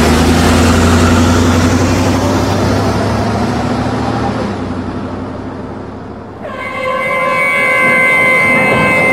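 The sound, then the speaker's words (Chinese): Car engines rumble and idle in a steady, loud drone, among them cars of students and their parents who have come to see off a departing school principal; the noise dips briefly, then a sustained, tonal horn-like hum rises over the engine sound near the end. “你看你看，还有几辆车是学生和学生家长的，也不知道他们从哪得到的消息，也赶过来了。”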